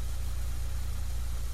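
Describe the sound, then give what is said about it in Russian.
A car engine idles steadily, a continuous low rumble with a faint vibrating hum and no other sounds or voices; the engine has just been started and the car put into reverse gear. “Девушка быстро поправила сиденье автомобиля, завела мотор и включила заднюю скорость.”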